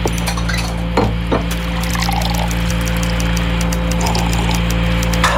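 Coffee pours steadily into a cup with a soft, continuous splashing, punctuated by a few sharp clinks of ceramic or glass, all over a steady low electrical hum.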